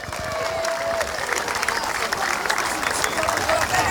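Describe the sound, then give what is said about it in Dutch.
Sustained audience applause for Ajax Amsterdam at a tournament, a dense steady wash of clapping at even loudness throughout, with a few faint voices and whistles mixed into the crowd noise. “Mag ik een hartelijk applaus voor Ajax Amsterdam.”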